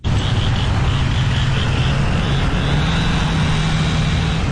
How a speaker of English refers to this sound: Morning after the tornado, the Wash Trailer Park in Bogachitta was filled with the sounds of saws, truck engines, and people calling out across the wreckage.